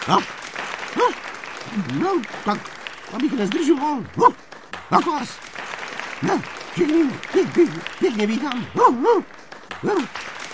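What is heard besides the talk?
enthusiastic applause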